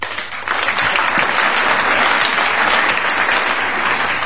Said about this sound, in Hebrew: כפיים כולם כאיש אחד. 3-4!